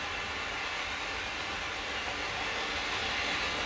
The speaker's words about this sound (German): Und die S-Bahn fuhr vorbei und die Skinheads randalierten. Es war ein richtig schöner Abend in Mecklenburg-Vorpommern.